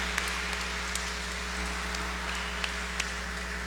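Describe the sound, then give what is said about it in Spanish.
An audience applauds to congratulate Radio Estéreo Limeña on its anniversary, in a dense, steady wash of clapping, fairly quiet and even throughout, with a low electrical hum beneath it and no voices. “Felicidades por este aniversario, les damos un fuerte aplauso.”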